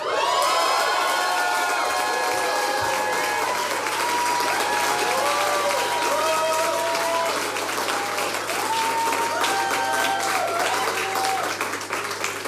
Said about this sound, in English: I'd like to invite a very special friend and guest to the stage. Please make a massive round of applause for Jasmine Forte.